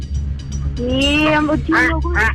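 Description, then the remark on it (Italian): A crow-caw buzzer effect in a quiz game, as a contestant buzzes in to answer, sounds three times: one drawn-out harsh caw followed by two shorter ones, loud over a steady low hum. “La cornacchia. La cornacchia.”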